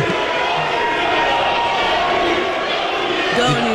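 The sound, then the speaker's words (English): A dense crowd of Knicks fans leaving an arena after a game chants and shouts together in the arena hallways, a loud, continuous wall of voices with rhythmic swells throughout. “They're literally just, like, chanting in the hallways.”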